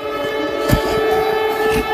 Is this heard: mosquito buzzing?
no